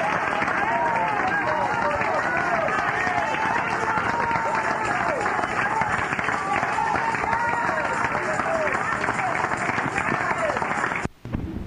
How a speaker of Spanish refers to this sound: Otro aplauso a nuestro rey, hermanos, gloria a Dios.